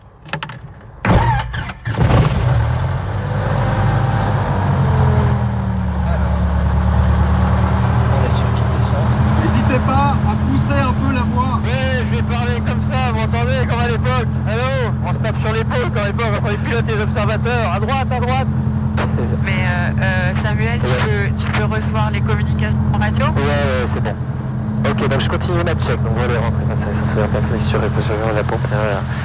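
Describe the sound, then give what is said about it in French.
A light aircraft's cold piston engine catches after a brief cranking burst, then settles into a loud, steady idling drone that continues throughout, with a voice talking over it. “Alors, la pression d'huile, on est dans le vert, c'est bon, la température du moteur, il est froid, c'est normal, ça va monter.”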